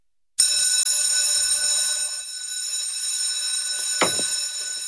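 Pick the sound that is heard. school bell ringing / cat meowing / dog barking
school bell ringing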